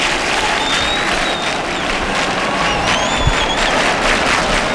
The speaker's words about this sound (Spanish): Y aquí las palmas en el exterior.